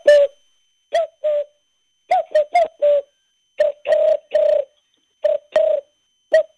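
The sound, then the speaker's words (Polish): A man from Żyrardów imitates a collared dove with his mouth as a sound riddle, giving repeated soft hooting coos in short groups of two or three notes, fairly loud, with brief silences between phrases. “Ja powiem, że tak naprawdę to powinno się powiedzieć, że to synogarlica była.”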